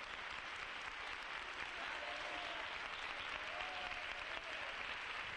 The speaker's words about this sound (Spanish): Dele un aplauso al Señor con toda su alma. 30 segundos de aplausos. Fuerte ese aplauso para el Rey.